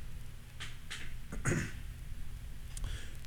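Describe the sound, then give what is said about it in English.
A single short, rough throat clearing around the middle, with a few faint clicks and a low background hiss. Nobody speaks. “Let me clear my throat.”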